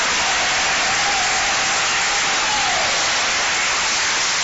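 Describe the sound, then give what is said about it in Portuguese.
An audience clapping hands in praise of the Lord and Jesus, a dense, steady wash of applause that holds at an even level throughout, with no talking over it. “Palmas que louvam o nome do Senhor. Mais forte que é para Jesus.”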